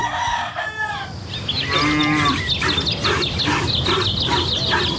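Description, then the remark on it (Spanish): Cattle moo in a few long, drawn-out, tonal calls during the dawn milking in a village, over steady farmyard background noise, with faint rooster sounds mixed in. No one speaks. “En los pueblos, el amanecer tiene música. La ordeña, los gallos y el sonido de las brasas para echar al comal las tortillas grandes.”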